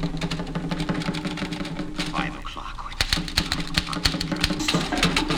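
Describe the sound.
Rapid clattering keystrokes of a mechanical typewriter, fairly loud, tapping in irregular bursts that grow busier partway through, with a voice speaking briefly over the clicking.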